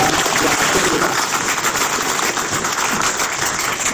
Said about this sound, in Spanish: Entonces, vamos a dar un aplauso a nuestro amigo